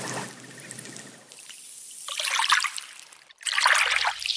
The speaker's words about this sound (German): Immer wieder plätschert hier das Meer in kleinen Wellen ans Ufer auf den steinigen Strand.